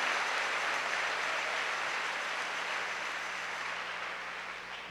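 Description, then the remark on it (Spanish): An audience applauds steadily as a prayer asking God for the gift of conversion, a dense wash of many hands clapping together that holds strong for several seconds before tapering slightly at the end, with no voices over it. “Con un aplauso dile: Dios, dame el don de la conversión.”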